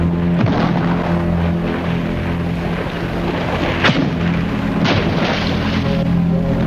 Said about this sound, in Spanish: Cuando reciba su salva de 23 cañonazos de verdad.